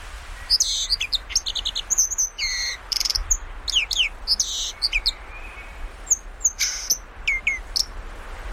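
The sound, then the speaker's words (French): A song thrush sings its last songs of the season in mid-June, a run of clear, varied phrases, each short motif repeated several times in quick succession, bright over a steady outdoor background hiss. “Et voilà, la grive musicienne, elle fait ses derniers chants parce que bientôt elle va s'arrêter.”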